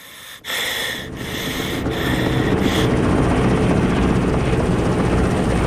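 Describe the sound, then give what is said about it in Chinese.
A loud, steady drone of military aircraft engines passing overhead, swelling and growing denser over a few seconds with a rhythmic pulsing, like propeller planes flying low; the planes arrive to drop bombs ahead of advancing troops. No one speaks. “飞机准时到达，命令七十九师先进，四十三师跟进。”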